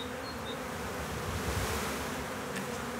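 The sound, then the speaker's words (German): A dense, steady drone of many honeybees swarming at an old log hive in Planten und Blumen park, continuous for the whole stretch, a thick layered buzz with no pauses and no voices. The colony was caught in St. Pauli and is settling into the hive. “Die Bienenvölker teilen sich, schwärmen.”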